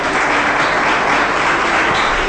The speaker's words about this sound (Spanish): ¡Gloria a Dios! Denle fuerte ese aplauso a Jesucristo.